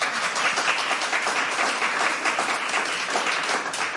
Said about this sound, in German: Einen ganz, ganz dicken Applaus bitte.